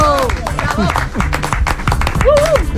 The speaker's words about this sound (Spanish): Oye, aplauso. Sí, ¿no? Aplauso a Brasero.